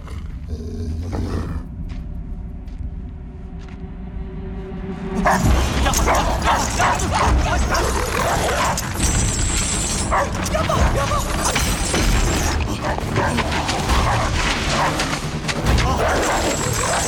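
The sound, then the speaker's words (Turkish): A dog barks and yips excitedly in a dense, loud burst after a quieter opening, with whimpering and growling mixed into a busy, cluttered scene. “Yapma cici köpek, pusu köpek yapma.”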